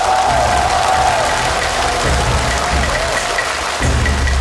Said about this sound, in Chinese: 接下来让我们掌声欢迎著名京剧演员王佩瑜老师，有请。